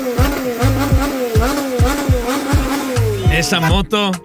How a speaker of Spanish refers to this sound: Esa moto, wow, wow, wow, wow. Mi respeto para la moto, mi respeto.